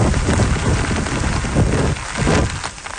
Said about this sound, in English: Typhoon Bavi is churning inland. It's bringing heavy rains and wind gusts exceeding 140 kilometers per hour.